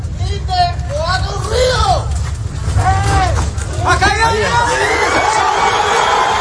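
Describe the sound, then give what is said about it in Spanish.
A crowd erupts in excited shouts and cheers, many overlapping voices rising and calling out over a constant low rumble, loud throughout, as people react to a desperate cry from a man trapped in rubble who is being rescued. “Pues la exaltación de la gente cuando escuchan ese grito desesperado de como respuesta del hombre que está atrapado ahí entre los escombros y que finalmente han conseguido rescatar.”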